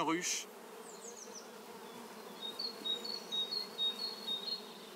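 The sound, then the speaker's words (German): A swarm of wasps, which dig small holes in the sand to lay their eggs, buzzes over sand in a dense, steady drone that fills the whole stretch, with faint high chirps from birds flickering above it in the latter half. “Das klingt wie in einem Bienenstock.”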